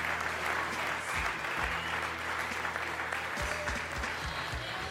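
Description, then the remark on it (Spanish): An audience applauds steadily as an offering of applause to Christ Jesus, a dense wash of many hands clapping without pause, with a low hum running underneath throughout. “Una ofrenda de palmas a Shabbat, Cristo Jesús, hermanos.”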